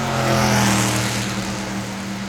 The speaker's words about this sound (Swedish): Där hade vi racet, en bil som drog förbi.